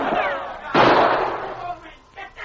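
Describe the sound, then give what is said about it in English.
A single sharp, loud gunshot cracks out and rings off as it fades, with brief vocal sounds just before it and a few faint, short noises afterward; Sergeant Preston's shot smashes the carbine Travis aimed at the charging dog King. “Sergeant Preston's quick shot smashed the carbine Travis leveled at the charging dog.”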